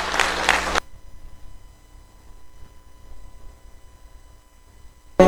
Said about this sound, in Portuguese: Dê uma salva de palmas para o nome do Senhor Jesus.